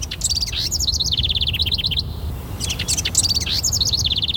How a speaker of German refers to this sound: Eine neue Studie hat gezeigt, Vogelgezwitscher erzeugt Glücksgefühle und entspannt.